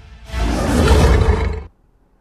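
A lion lets out one loud, deep, rumbling roar lasting about a second and a half, forceful, then it cuts off abruptly into silence. No one speaks.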